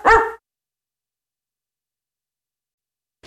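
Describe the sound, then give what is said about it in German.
A single loud dog bark rings out at the very start of an advert for the pet supply store Das Futterhaus, followed by about three seconds of silence before a faint sound begins at the end. “Die mit dem gelben Hund.”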